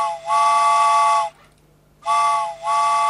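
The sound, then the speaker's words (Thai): Two long, loud blasts of a steam train whistle, each a bright chord with a brief dip in the middle, separated by a short silence. No voices are present. “ชั่วโมงนี้นะคะเหมือนเคยเช่นเคยนะคะรถไฟสายด่วนขบวนพิเศษมาแล้วเจ้าค่ะ”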